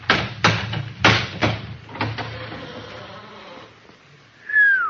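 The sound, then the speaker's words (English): Five or six heavy hammer blows bang against a locked door in quick succession, followed by rattling and a drawn-out, high-pitched creak as the forced door swings open. No one speaks. “I'll set up at the window while you're getting the door open. You got a hammer with you”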